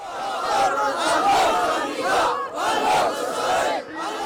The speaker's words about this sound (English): Crowds chanted and raised weapons, celebrating the group's advance along the country's Red Sea coast.